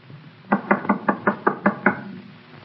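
Seven quick, firm knocks by police on a wooden door in an even, rapid rhythm, loud, with no voices.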